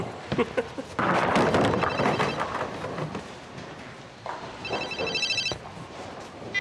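A telephone rings with short, high, trilling bursts, first faintly and then more clearly toward the end, following a loud stretch of rumbling, clattering noise.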